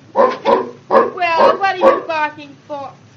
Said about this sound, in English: Well, what are you barking for? Hello. Oh, you're beautiful, you great, big, big dog like you. You shouldn't have anything to bark.